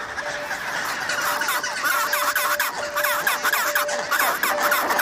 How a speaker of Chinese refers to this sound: 终于，帽带企鹅夫妇再次团聚。他们做的第一件事依然是问候彼此。